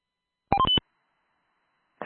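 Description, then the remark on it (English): A quick burst of phone-like dialing tones, several short beeps packed together, crackles over a radio channel as someone keys up, followed by silence and then the start of another transmission. “They sound like somebody keyed up. It's like a phone on the phone.”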